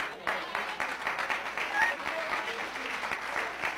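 A crowd claps steadily during a sermon, a dense patter of many hands with a few brief whoops rising above it, the applause holding an even, fairly loud level.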